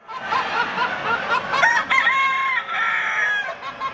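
Several roosters crow over a busy background of hens clucking, a dense, continuous chorus of poultry calls at the Royal Canberra Poultry Show, where about 2,500 birds compete for Best in Show. No one speaks.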